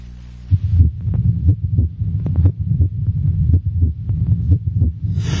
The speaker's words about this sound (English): The first heartbeat, how did it originate?